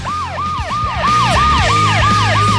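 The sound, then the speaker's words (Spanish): An ambulance siren wails loudly in a fast, repeating up-and-down sweep, with traffic rumbling beneath it and no voices. “Pero si quieres te pongo una ambulancia.”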